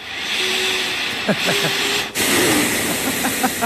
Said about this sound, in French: Ah bon, j'ai compris. Le soupir, c'est la réaction de l'intelligence artificielle wallonne au sujet proposé. Elle a été fabriquée sur le modèle de l'intelligence naturelle wallonne.